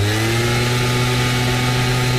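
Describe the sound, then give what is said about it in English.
A gas-powered leaf blower drones steadily at a constant loud level, its small two-stroke engine producing a buzzy, harmonic whine with a low rumbling hum underneath, no talking. “And here's a gas-powered leaf blower.”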